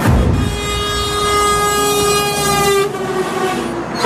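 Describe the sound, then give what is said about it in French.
A truck horn blares in one long, steady, loud blast lasting about four seconds, its tone shifting slightly near the end. No one speaks. “Le deuxième indice, attention, camion.”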